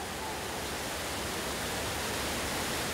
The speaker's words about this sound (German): Im Krisentraining läuft eine Tiefgarage voll. Wir müssen uns befreien.